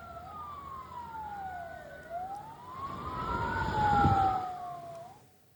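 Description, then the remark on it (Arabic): An ambulance siren wails in long rising and falling sweeps, loud, with low traffic rumble underneath and no one speaking; ambulances carrying the dead and wounded from an Israeli strike on a home in Nuseirat refugee camp, central Gaza Strip, to Al-Aqsa Martyrs Hospital. “استشهد شاب فلسطيني وأصيب آخرون جراء استهداف الاحتلال الإسرائيلي منزلا في مخيم نصيرات للاجئين وسط القطاع، ونقلت سيارات الإسعاف جثمان الشهيد والجرحى إلى مستشفى شهداء الأقصى.”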